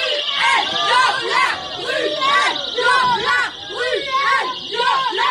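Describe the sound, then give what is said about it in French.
Feminist activists of the collective Nous Toutes loudly chant the slogan "Bruel, violeur" over and over in a steady rhythm at the Théâtre Édouard VII in Paris, during a performance of the play Deuxième Partie with Patrick Bruel, with shrill yells and a reverberant crowd din throughout. “Bruel, violeur, c'est par ces cris que des militantes du collectif féministe Nous Toutes se sont invitées hier soir au théâtre Édouard VII à Paris où avait lieu une représentation de la pièce Deuxième Partie dans laquelle joue Patrick Bruel.”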